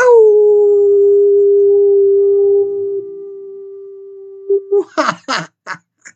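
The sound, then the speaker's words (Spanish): A long, loud, sustained howl holds a steady pitch for over four seconds, then fades and gives way to a few short, breathy bursts that sound like laughter. “Yo les envío abrazos, apapachos, un vigoroso aullido.”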